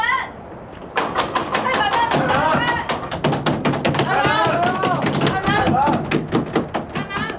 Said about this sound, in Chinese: 敲门去。 是。吕家里边的人听着了，五爷的夫人回府拜祖宗了，请把大门打开。开门啊！开门啊！ 都去帮忙敲。